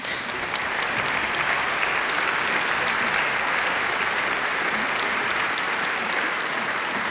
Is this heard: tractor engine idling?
no